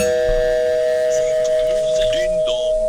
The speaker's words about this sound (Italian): Il ding dong potrei anche non farlo. Sì. Ecco, non è un po' alto quel ding dong. Sì, spacca i timpani.